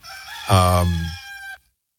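A single loud rooster crow, rising into a strong harmonic call and then tapering off abruptly after about a second and a half, with no talking over it.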